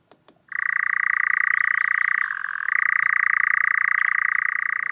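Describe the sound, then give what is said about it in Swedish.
A nightjar's churring call: a sustained, rapid mechanical trill that holds steady for several seconds, briefly shifting lower in pitch midway before resuming, after a couple of faint clicks at the start. “Den här nattaktiva fågeln, nattskärra, har en vingform som är en kompromiss mellan att flyga långsamt men kvickt byta riktning när den jagar insekter och att flyga snabbt och effektivt när den flyttar på våren och hösten.”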